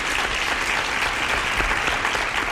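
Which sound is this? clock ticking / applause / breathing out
applause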